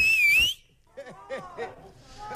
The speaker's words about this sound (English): I think even the phone went quiet afterwards because it was so loud. But have a listen to this. Even the dog went off the second time. Okay. Okay, I need your loudest whistle.